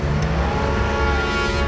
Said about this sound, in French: La voiture redémarre enfin.